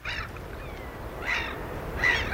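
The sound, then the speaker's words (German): Wild birds call outdoors, broadcast live on Swedish radio's Night of Birdsong from moors, forests or lakes across Sweden, with a few honking, goose-like cries rising over a steady background of wind or water. The calls come in short bursts, with no one speaking. “8 Stunden lang übertragen Reporter und Vogelkundler live Vogelstimmen aus Mooren, aus Wäldern und an Seen im ganzen Land.”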